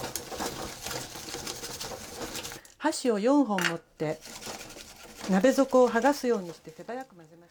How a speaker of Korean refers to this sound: 젓가락 4개로 냄비바닥에 붙은 달걀을 떼어내듯이 재빨리 휘저어줍니다. 냄비에 남아있는 열로 익힙니다.